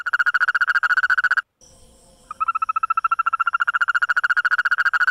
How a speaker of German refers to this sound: Dort haben Forscher gerade einen völlig neuen Mitbewohner entdeckt. Eine Froschart, die nicht nur hüpft, sondern auch singt, und zwar in extrem schnellen und hellen Tönen.